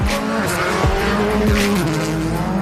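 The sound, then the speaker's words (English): Championship leader Teemu Suninen's rally car screams along narrow, bumpy roads at the ERC's Welsh round in Wales, engine at high revs, pitch rising and dropping sharply with gear changes and throttle lifts, loud and continuous with tyre noise; no talking. “Championship leader Teemu Suninen screaming through the daunting, narrow, bumpy roads to take over the top spot.”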